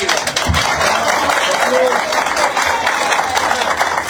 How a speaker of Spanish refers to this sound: Están aplaudiendo, ¿no?